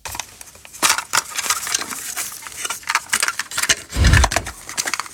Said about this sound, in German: Oh, dieses Plastikklackern. Pure Nostalgie. Der gute alte Kassettenspieler im Kinderzimmer damals oder als Walkman unterwegs.